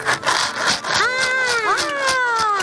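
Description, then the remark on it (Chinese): A flat homemade sand shaker, made by a child and resembling a maraca, shaken in quick, steady bursts, giving a dry, hissing rattle, while a high, wavering voice-like tone sounds over it for the second half. “发出了什么样的声音啊？ 沙沙沙的， 沙沙沙的响声”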